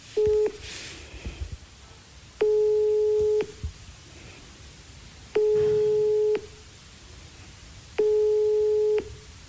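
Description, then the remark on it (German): A telephone ringback tone repeats four times during an attempted phone call, each steady electronic beep lasting about a second with pauses of roughly two seconds between, clear and fairly loud over faint background hiss. “Und wir versuchen es jetzt einfach mal mit Christine Wegener am Telefon.”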